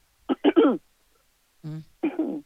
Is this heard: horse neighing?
no